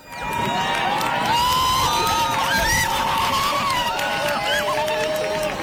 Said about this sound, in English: Crowds cheer as the last of the sun hides behind the moon during today's total eclipse of the sun.